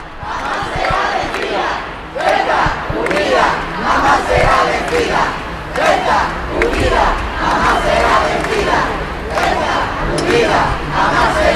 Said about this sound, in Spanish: casi no cabe un alfiler, tampoco en los 300 metros de la Gran Vía de Ceuta. Escuchen ya el griterío en esta visita real, la primera que hacen